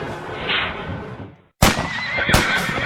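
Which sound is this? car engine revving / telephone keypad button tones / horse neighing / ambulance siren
horse neighing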